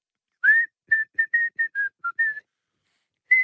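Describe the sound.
A person whistles a short pop tune: a string of clear, steady mid-high notes in a bouncy rhythm, about nine notes with brief gaps, then a pause and one more note.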